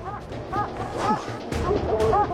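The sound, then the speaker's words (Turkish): Hunting dogs chasing a mountain lion bark at the foot of a cliff in a busy overlapping chorus, several short yelps and bow-wows, with a faint murmur of human voices beneath them. “Köpeklerin uçurumun hemen dibinde olduğunu görebiliyorum.”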